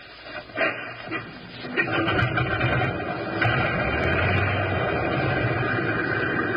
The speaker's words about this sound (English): Select the number one engine on, sir. Well, here goes.